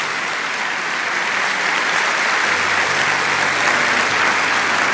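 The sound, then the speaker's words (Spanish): Steady, dense applause from a crowd for the Lord, many hands clapping loudly and evenly for several seconds with no voices rising above it. “Dale un aplauso grande al Señor.”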